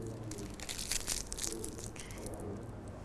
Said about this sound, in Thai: ขยำกระดาษให้เป็นนี่ขยำแบบนี้เลยเป็นเล็กๆแบบนี้แล้วก็ติดลงไปที่ใบส้มกดลงไปเล็กน้อย